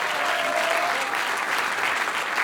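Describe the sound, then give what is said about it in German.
Steady, dense applause from an audience, many hands clapping at once in a continuous bright patter with no pauses, fairly loud throughout, and a faint whistle-like tone early on. “gut an, wie man heute auch hört beim Applaus.”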